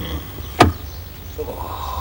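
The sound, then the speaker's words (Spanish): At night, the door of a car parked in front of a house is opened from inside, with a single sharp latch click set against a low, steady rumble, followed by a faint shuffling movement. “Le abre la puerta.”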